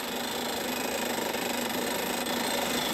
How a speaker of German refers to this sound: Die Löcher für die Verpresspfähle bohren die Spezialisten im Trockenbohrverfahren. Dabei wird der Bohrstaub mit Druckluft aus dem Bohrloch geblasen.